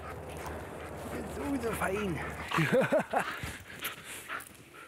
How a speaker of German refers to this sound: fährt Amy ihr Adrenalin binnen Sekunden wieder runter und ist nichts weiter als ein verspielter, freundlicher Hund.